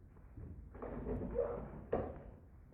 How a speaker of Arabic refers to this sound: ويخرج الخادم بعد أن أغلق الباب